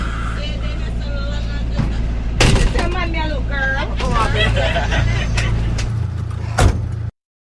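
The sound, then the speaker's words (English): Inside an idling bus, the engine rumbles steadily while muffled voices chatter nearby, and a door thumps and hisses open twice with a pneumatic burst, as if letting someone off. “I took the wrong bus. Can you let me out, please?”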